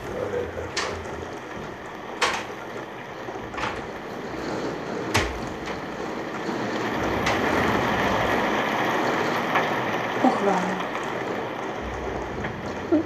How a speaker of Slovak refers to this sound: Hej, ale že ten dážď nie a nie prestať.